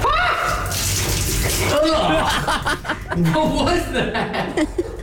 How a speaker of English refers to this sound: You can hear all the liquid.